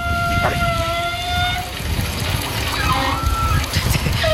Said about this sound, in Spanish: No, de los gimnasios. Como tienen muchas duchas, las tuberías son más anchas. Entonces cuando empieza a pasar el agua caliente, supongo que vibrará ahora algo del estilo y hace un sonido parecido.